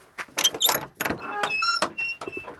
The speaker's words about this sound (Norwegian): Men så har du, kan ikke du åpne denne døra her, da?